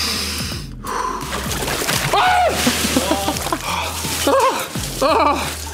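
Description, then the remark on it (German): Water sloshes and splashes as a person lowers into an ice barrel until the shoulders are under water, with sharp gasps and strained vocal sounds breaking through the steady watery churn. “und zwar ganz entspannt in eine Eistonne steigen.”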